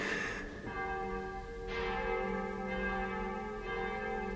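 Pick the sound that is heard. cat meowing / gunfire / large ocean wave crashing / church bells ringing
church bells ringing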